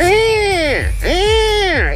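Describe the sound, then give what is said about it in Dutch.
A person vocally imitates the threatening warning cry of a buzzard: two drawn-out, rising-then-falling screeches in quick succession, loud. “En als je je afvraagt hoe een dreigende buizerd klinkt, zo.”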